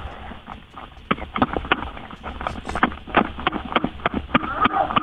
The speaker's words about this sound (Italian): Prendi il telefono e sbattilo nel c***o. Fammi sentire gli schiaffoni. Vai.